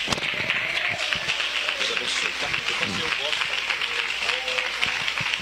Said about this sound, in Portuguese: Pode bater mais palma para Jesus. Pode bater palma. Aleluia. Bate palma para Jesus, merece. Aleluia. Bate mais palma para Jesus.